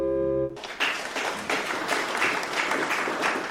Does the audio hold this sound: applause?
yes